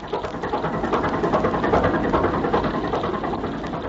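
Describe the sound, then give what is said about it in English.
A motorboat engine drones steadily throughout as the boat speeds across the ocean at dawn toward two people in the water, a dense, continuous rumble with a faint rapid chugging texture, fairly loud, with no voices. “All is excitement aboard the Gregory boat as they bear down rapidly on the two people in the water”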